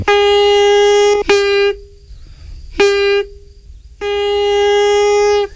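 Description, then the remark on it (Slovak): A pískor, a whistle pipe made of willow bark cut and twisted with a knife, sounds four steady, buzzy blasts at one fixed pitch: a long note, two short toots, then another long note, with brief silent gaps between and no talking. “To je z bedzi. Pískor? Pískor. To je ako na gajdách, že?”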